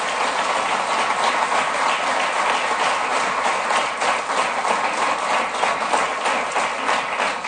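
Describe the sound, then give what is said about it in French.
A crowd applauds the 127 newly elected deputies on election night, a dense, continuous patter of many hands clapping at an even loudness throughout, with no voices heard over it. “Je pense qu'on peut tous les applaudir pour leur élection ce soir.”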